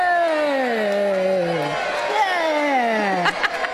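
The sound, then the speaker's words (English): A small group of friends cheers and whoops with long, falling voices that overlap, followed by a second burst of cheering near the end, fairly loud. “That's me and my friends cheering.”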